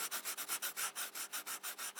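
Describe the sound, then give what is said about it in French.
Pencils scratch across paper in quick, steady back-and-forth strokes, about six per second, making a soft, dry, hissy rasp with no voices. “Des crayons sur les feuilles.”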